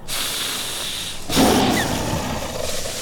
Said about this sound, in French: Et je crois bien que nous allons croiser un immense prédateur, avec des dents démesurées, une carrure imposante, un pelage brun, le tigre à dents de sabre.